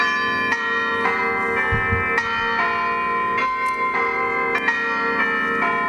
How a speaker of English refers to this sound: how about bell ringing? Here at St. Clements at Yass, we're building a new bell ringing team.